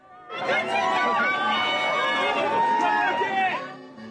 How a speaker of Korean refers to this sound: 우리나라 축구대표팀을 맞이하기 위한 멕시코 몬테레이의 한 호텔 앞 풍경입니다. 이윽고 대표팀 선수들을 태운 버스가 도착하고 선수단이 내리자 환호와 카메라 셔터음이 쏟아집니다.